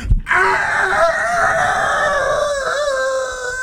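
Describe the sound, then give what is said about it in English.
A rooster kept by someone in the neighborhood crows once in a long, strained cock-a-doodle-doo, its harmonic call holding steady for several seconds before wavering and trailing off. No one speaks over it. “She said somebody in the neighborhood has got themselves a rooster.”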